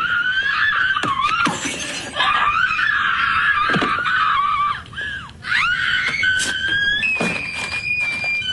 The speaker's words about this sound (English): Now, it's supposed to be a recreation of a big scene from the movie Mean Girls. The problem is, nobody remembers that particular scene, so it just looks like this lady is screaming because she put the audio from the movie over this.